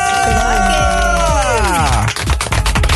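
A loud crowd cheers and shouts as a female singer, last year's Artist of the Year Female, is introduced, with whistles and high whoops rising over a dense applause-like roar that stays steady throughout.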